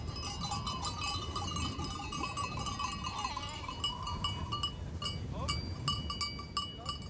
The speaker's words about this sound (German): ist inzwischen mit seiner Ziegenherde eingetroffen. Wie die meisten anderen geht er beim Auftrieb mit, seitdem er ein kleiner Junge ist.